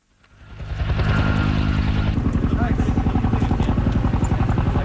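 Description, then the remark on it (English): A helicopter roars in loud, its engine swelling over the first second into a steady, rapid thudding of rotor blades that continues throughout; the helicopter is flying over wildfires in Greece, dropping water on the blazes. “In Greece, helicopters drop water on blazes that broke out overnight and have grown rapidly.”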